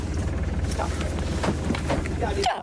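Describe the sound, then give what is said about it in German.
A boat engine, just started before casting off, idles with a steady, deep throbbing hum and a rough, wind-buffeted rush over it, while indistinct voices murmur faintly underneath. “So, der Motor ist schon mal an.”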